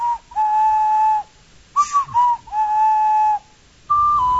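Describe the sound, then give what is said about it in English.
A short whistled melody of clear, pure tones: a long held note, a few quick shorter notes, another long note, then a slightly higher one, with brief pauses between phrases and no talking. The melody is made into the Nintendo Switch 2 microphone to play the game's magic ocarina. “Hum a melody you've learned in the game, or play one on a real instrument.”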